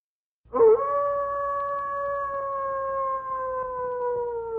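A single long wolf howl rises suddenly and then holds a steady, slightly falling tone for several seconds, loud and clear with no talking over it.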